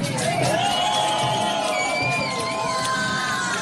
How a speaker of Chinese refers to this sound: 大运河上鼓点激扬，龙舟比赛开疆竞渡，劈波斩浪，运河两岸摩肩接踵，加油声、欢呼声此起彼伏